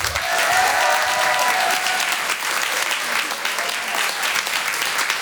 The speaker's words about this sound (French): Il est drôle, il est sincère, il a une énergie débordante. Merci d'applaudir très fort Monsieur Brahms.